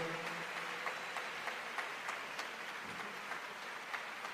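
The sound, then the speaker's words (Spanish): An audience at a religious congress applauds together for the Holy Spirit after a prayer, a dense steady wash of many hands clapping with a few sharper claps popping out, sustained at even loudness with no voices heard. “Dale ese aplauso al Espíritu Santo.”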